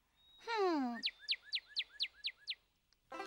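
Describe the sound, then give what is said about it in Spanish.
A red bird with a head marked like a black mask calls from behind the listeners: one long downward-gliding note, then seven quick, evenly spaced chirps in a steady rhythm. No one speaks. “Y más lejos, detrás de nosotros, hay un pájaro rojo con una cabeza que parece que tuviera una máscara negra.”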